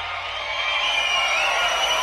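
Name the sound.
video game crowd cheering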